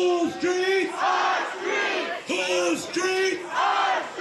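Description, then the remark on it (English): A large crowd of protesters gathered at the site at night shouts in loud, rhythmic unison, chanting the same phrase over and over in a steady repeating cadence, filling the space with dense, energetic voices. “That night, protesters gathered at the site.”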